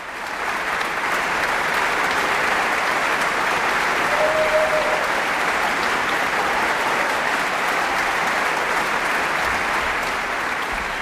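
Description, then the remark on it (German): Sustained, dense applause from a large concert audience for the WDR Symphony Orchestra, which stands to receive it after a concert, a steady wash of clapping that holds at an even, loud level for the whole stretch without voices on top. “Ja, und das ganze Orchester erhebt sich, nimmt den wohlverdienten Applaus entgegen, denke ich.”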